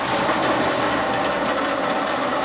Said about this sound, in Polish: Najbardziej hałaśliwy młot pneumatyczny.